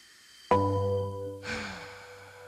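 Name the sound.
deep breath taken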